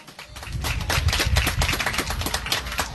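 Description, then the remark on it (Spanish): A crowd claps steadily for a few seconds, a dense, even patter of many hands with no voices over it, holding at a fairly loud level throughout, as the audience applauds the mayor of the village of Coina at the second regional Lima festival. “Bien fuerte los aplausos.”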